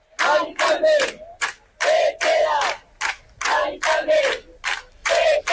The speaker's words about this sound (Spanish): Son algunos de los gritos. Salían de las gargantas anoche de los centenares de vecinos que han pasado toda la madrugada acampados frente a la casa de Mari Carmen, una mujer de 87 años del barrio de Retiro de Madrid